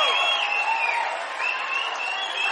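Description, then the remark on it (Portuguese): An audience claps steadily in sustained applause for the composers, a dense, even wash of hands with faint cheering voices mixed in, holding at a constant moderate loudness throughout. “Por favor, senhoras e senhores, uma salva de palmas pro nosso compositor”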